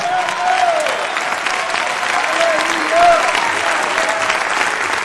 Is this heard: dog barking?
no